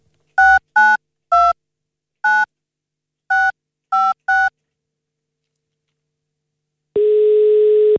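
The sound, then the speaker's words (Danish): Seven quick telephone keypad beeps in an uneven rhythm as a MyRock radio host dials a listener to award concert tickets, then after a pause a loud, steady ringing tone starts for the outgoing call. Clear, with no voices. “Lad os hoppe over på telefonen.”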